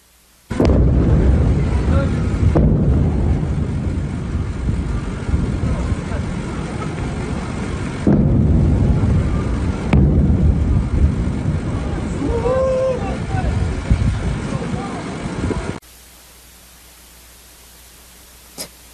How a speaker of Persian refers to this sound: ویدیوی رسید به ایران اینترنشنال از مخاطبی است که وقوع چند انفجار رو در بامداد 24 تیر ماه در سیریک نشان میدهد. با هم ببینیم.